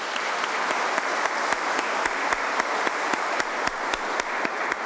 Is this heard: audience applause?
yes